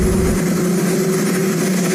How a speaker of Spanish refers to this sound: Sin un cámara de televisión presente, solo se escuchaba el ruido del helicóptero de fondo mientras Trump hablaba con algunos periodistas en el jardín de la Casa Blanca.